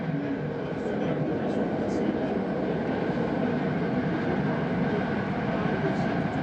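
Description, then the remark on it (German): Streetcar number 8 in Los Angeles rumbles steadily along on its way back to downtown, a dense continuous roar of wheels and motor with a faint hum running through it, holding an even loudness the whole time with no voices clearly standing out. “Der Wagen Nummer 8 kehrt wieder an den Ausgangspunkt seiner Fahrt, zur Stadtmitte zurück.”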